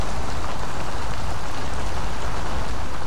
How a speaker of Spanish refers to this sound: Pero hablando genéricamente, calma y da reducción del estrés porque es un sonido constante de gotas cayendo, produce un ruido blanco.